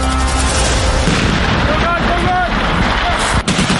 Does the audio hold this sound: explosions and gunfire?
yes